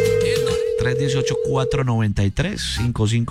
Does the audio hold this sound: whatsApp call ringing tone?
yes